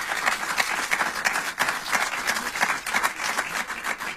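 Steady applause from an audience fills the whole stretch, a dense wash of many hands clapping at moderate loudness with no talking over it.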